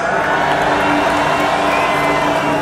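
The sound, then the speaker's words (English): A huge festival crowd at Tomorrowland roars steadily, a dense wash of cheering with scattered whoops and shouts rising from the mass of voices, loud and unbroken throughout. “Tomorrowland, if you're feeling good, if you want to do this one more time, please make some noise.”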